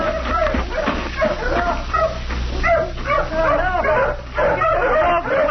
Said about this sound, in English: Now, where are the hounds? Listen. See, they found something over there in that thicket. Help! Help! What's that? Oh, the hounds!